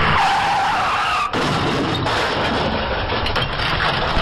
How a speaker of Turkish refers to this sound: İETT otobüsü kırmızı ışıkta durmak üzereyken geriden gelen yolcu otobüsü hızla çarptı. Çarpışmanın etkisiyle camlar kırıldı. Araçlardan savrulan parçalar yola saçıldı. İstanbul Başakşehir'de eski Edirne asfaltındaki kaza kameraya böyle yansıdı.